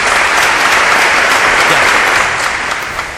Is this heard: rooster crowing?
no